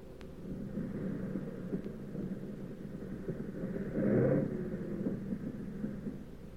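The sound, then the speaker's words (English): A low, steady aircraft engine drone rumbles throughout as the plane comes in to land with one engine sputtering, swelling into a brief louder, rougher surge midway before settling back to a constant hum. No one speaks. “But we came in okay, with one engine sputtering and a fuselage full of holes.”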